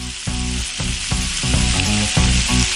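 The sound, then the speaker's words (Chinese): Loud, steady hiss and crackle of a scored fish, cut through the middle, being put into a pan of hot mixed rapeseed oil and lard to fry, the sizzle continuous throughout, with a faint low tonal hum running underneath and no talking. “现在咱们就可以把鱼下锅了。”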